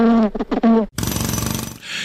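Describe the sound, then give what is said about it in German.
Brief tonal buzzing bursts give way to a loud jackhammer, its rapid rattling blows pounding steadily for about a second before fading into a thin hiss. “Und unser Gehirn weiß, dass Heavy-Metal-Musik viel lauter ist als andere Musik und dass eine Biene viel leiser summt, als ein Presslufthammer klingt.”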